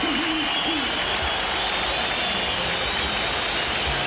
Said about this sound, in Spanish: Aplausos para Rojas, ovación para Marcelo Díaz y Roberto Enrique Vallejos.